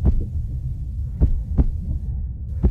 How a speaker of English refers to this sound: This is the sound of a bus driver's heart rate after they were yelled at, insulted, and threatened.